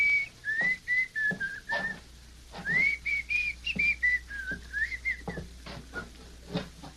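A man whistles a slow, wavering tune close by, the melody drifting up and down in long held notes, with soft footsteps or knocks thudding irregularly in the background.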